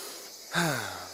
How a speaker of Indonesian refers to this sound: Adik-adik, suara apa ya yang barusan kita dengar? Suara monyet, Kak. Masya Allah, tapi di mana ya monyetnya? Kok nggak kelihatan?